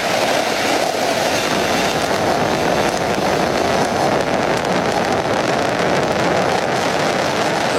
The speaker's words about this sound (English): looking at those 27 Merlin engines lifting the Falcon Heavy and Roman Space Telescope off into space. Falcon Heavy soaring.